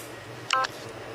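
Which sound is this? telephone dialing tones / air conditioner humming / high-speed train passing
telephone dialing tones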